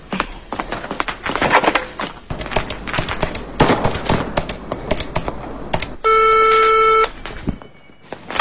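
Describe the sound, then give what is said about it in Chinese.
Rapid clicks and beeps of a phone number being dialed to call a grandfather, followed by a steady, loud electronic ringing tone for about a second before it cuts off into near silence. “别急着吃，先给爷爷打电话。”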